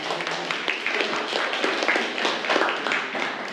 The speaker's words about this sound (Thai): นั่งลงครับนักเรียนปรบมือให้เพื่อนเลย